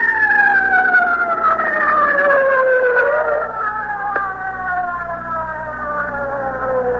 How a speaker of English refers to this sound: Listen, Captain. Wait a minute. Hold on. The ambulance is just coming up here. I can't hear anything you say.